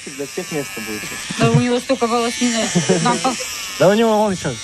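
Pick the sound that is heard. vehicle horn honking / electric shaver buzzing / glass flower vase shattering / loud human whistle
electric shaver buzzing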